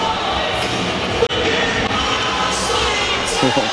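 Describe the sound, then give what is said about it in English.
A hockey arena crowd at a Grand Rapids Griffins game in overtime, during a Griffins power play, roars and cheers in a loud, unbroken wash of noise that swells slightly near the end, with muffled voices blending into the din. “Next goal wins tension in front of what has been a really loud and crowd into this game tonight.”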